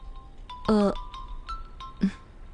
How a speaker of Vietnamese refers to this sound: Cô nghe điện thoại đi chứ.